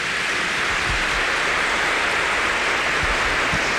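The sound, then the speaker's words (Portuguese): An audience applauds to celebrate 35 years, a dense, steady wash of many hands clapping that holds at an even level throughout, with no voices over it. “Irmãos e irmãs, essa palma foi muito fraca, são 35 anos.”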